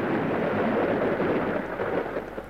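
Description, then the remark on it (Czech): A heavy, sustained roll of thunder rumbles loudly, a dense low roar that slowly eases off toward the end, with no voices; a thunderstorm with rain falling outside. “Podívejme, bouřka. A prší.”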